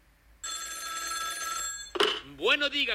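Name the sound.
telephone bell ringing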